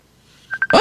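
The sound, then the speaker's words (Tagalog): A phone's incoming Messenger call ringtone starts with three quick, bright electronic beeps, then a person's sudden loud exclamation cuts in over it. “Nakibot ko. Ay, anay ka. May nagpanawag sa messenger ko.”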